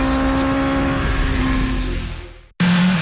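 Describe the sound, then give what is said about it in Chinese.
A motorcycle engine roars loudly, holding a steady droning pitch before easing off, cutting out abruptly for an instant, then snarling back to full volume. “引擎唤醒晨光，车轮跨越山海，卸下生活的疲惫，与风并肩，与自由同行。”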